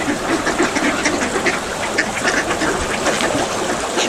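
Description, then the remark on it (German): Ducks on a lake with calm water quack repeatedly in a steady, overlapping chorus, loud, with constant outdoor background noise and no one talking. “Das Wasser ist heute sehr ruhig und man kann die Enten hören.”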